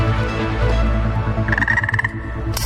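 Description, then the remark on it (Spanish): A frog croaks loudly, a low, throaty drone that breaks into a rapid rattling trill partway through, with no voices present. “Todo empezó con una rana mágica”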